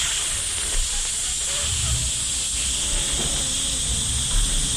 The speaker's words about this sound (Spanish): Cuando el pito de la pitadora está malo. No hay nada más aburridor que guerrear con una pitadora, ¿oyó?